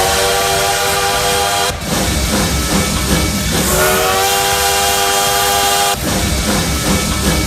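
A steam train roars past, its shrill whistle blowing in long sustained blasts with a slight pitch bend, over a constant loud hissing, rumbling clatter. No one speaks.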